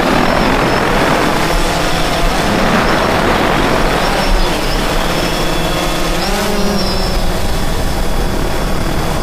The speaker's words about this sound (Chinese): 你看这无人机多好啊！